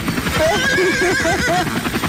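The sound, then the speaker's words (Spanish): A horse neighs in a loud, wavering whinny lasting about two seconds, its pitch rising and falling in quick ripples against a steady, noisy background rumble. “¿Cómo va a andar el caballo arriba del helicóptero? Pues ya ves, mira. ¡Ahí te habla, caballo!”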